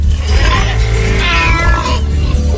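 A cat lets out a loud, drawn-out meow, rising and then falling in pitch, over a steady low background hum.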